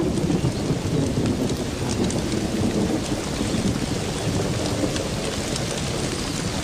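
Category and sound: nature, heavy rain downpour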